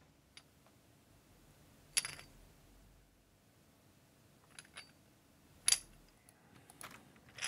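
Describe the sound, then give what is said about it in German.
A few bright metallic clinks as coins are dropped into a small monkey figure, coming in scattered bursts against quiet, with a sharper cluster of jingles near the end. “Nachdem das Äffchen seine Münzen bekommen hat”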